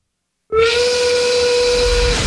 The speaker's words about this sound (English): That's the 5 o'clock whistle.